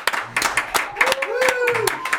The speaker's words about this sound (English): I'm going to ask the engineers to do the usual. Open Studio One's door and lend a round of applause.